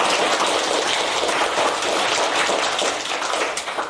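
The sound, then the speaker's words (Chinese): A crowd applauds the Feifei team group steadily for a few seconds, a dense, even wash of many hands clapping at once with no voices, fading slightly toward the end. “好，将掌声送给飞飞队的小组。”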